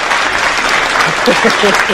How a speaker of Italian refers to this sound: Aspetta, perché qui c'è anche il nostro gruppo di ascolto che è pronto ad applaudirti e arriva l'applauso.